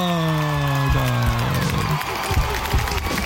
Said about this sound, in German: Und dafür gab es noch Applaus vom Publikum.